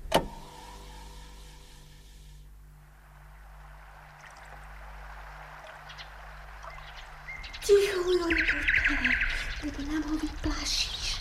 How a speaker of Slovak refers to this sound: Koho? No, to preca Slávika. Nepočuješ? Nepočuješ, ako krásne spieva? Áno, celkom milo píska. Vraj píska.